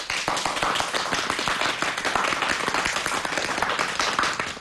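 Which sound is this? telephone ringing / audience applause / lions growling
audience applause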